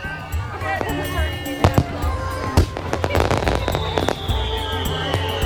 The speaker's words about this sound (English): Your fireworks are drowning it out.